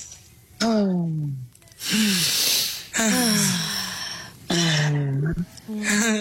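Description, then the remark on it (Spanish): Several people breathe loudly together in a steady rhythm during a breathing exercise in a booth, synchronizing with one leader's breathing: airy hissing inhales alternating with voiced, sighing exhales, repeated about four times. “Entonces, yo respiro y ustedes sincronizan con mi respiración, ¿ok?”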